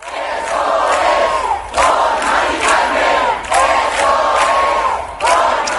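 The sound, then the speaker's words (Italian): Thousands of protesters in Puerta del Sol, Madrid, roar and chant together in a dense, sustained wall of voices at an evening commemoration of a woman during housing-rights protests, with rhythmic surges of shouting rising and falling every second or so. “Ieri sera in Puerta del Sol migliaia di cittadini si sono uniti agli acampados per commemorare la donna.”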